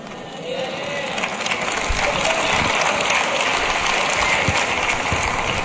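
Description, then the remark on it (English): A crowd applauds with dense, overlapping clapping that forms a steady hiss-like wash, a few sharper individual claps standing out, holding at a fairly even level throughout. “Do y'all see, can y'all tell how the claps are getting lower and lower and lower?”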